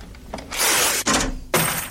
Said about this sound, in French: une chanson mythique qui commence par des bruits un peu bizarres, qui sont faits par des pièces qui ont été percées, qui sont jetées par terre, la fameuse caisse enregistreuse, la ligne de basse